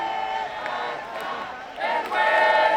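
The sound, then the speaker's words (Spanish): A large protest crowd at an eviction shouts cries of shame together in front of a police cordon blocking their access to the building's entrance, a sustained, overlapping roar of many voices, swelling louder in the final second, with no single speaker standing out. “Gritos de vergüenza frente al cordón policial que impide el acceso a todas estas personas al portal, al edificio”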